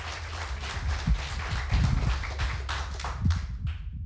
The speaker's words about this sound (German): Heißt sie noch einmal mit einem 10-Punkte-Applaus hier vorne.